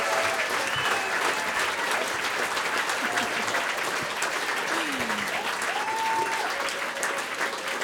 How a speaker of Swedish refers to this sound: Ge dem en applåd till.